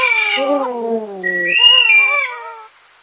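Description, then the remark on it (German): An Aldabra white-throated rail calls twice: a long, drawn-out descending call, then a higher, clear whistled call that rises and slowly fades, with no talking. “Vogel der Woche”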